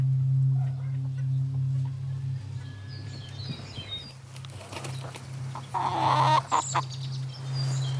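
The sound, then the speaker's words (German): Several chickens of a flock set up beside a stylish house cluck and murmur over a steady low hum, with a burst of louder squawking and wing flapping near the end. “Angelina hat sich ein perfektes Hühnerensemble aufgebaut, passend zum stylischen Haus.”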